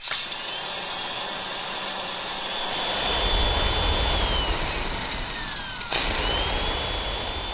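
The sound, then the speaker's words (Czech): An electric kitchen mixer whirs steadily with a high motor whine, loud, swelling partway through, briefly cutting out, then starting right back up. “Mixér. Mixér za motorku, motorka za auto”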